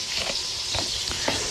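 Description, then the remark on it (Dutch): Partridges sizzle steadily in chicken fat in a frying pan over medium-high heat, laid back side down, an even hiss broken by a few soft crackles and pops. No one speaks. “Dan is het nu tijd om de patrijzen in de pan te doen. Ik heb hem op een middelhoog vuurtje staan.”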